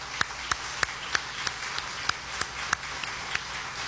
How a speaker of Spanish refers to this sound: Un aplauso para